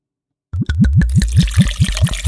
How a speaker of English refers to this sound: And I'm going to pour some rum.